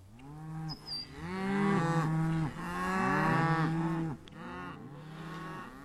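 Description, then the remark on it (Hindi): Several cows moo loudly near a village, their long, overlapping lowing calls following one another for several seconds with only brief pauses, and no voices present. “गायों का रंभाना, कुत्तों का भौंकना स्पष्ट सुनाई दे रहा है।”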